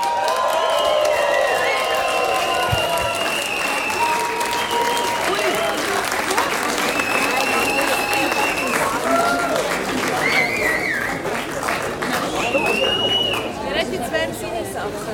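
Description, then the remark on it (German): Loud, sustained applause from a large audience welcoming a band onto the stage fills the whole stretch, with scattered cheers and whistles rising over the steady clapping and crowd murmur. “Und mit einem riesigen Applaus jetzt auf unserer Bühne begrüßen.”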